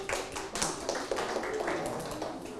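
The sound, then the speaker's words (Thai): A group of students in a class claps for themselves after their answer is shown to be correct, a steady patter of quick overlapping claps that carries on for a few seconds at moderate loudness, with no voices. “เดี๋ยวเรามาดูคำตอบพร้อมกันนะครับเทศนาโวหารถูกต้องปรบมือให้ตนเอง”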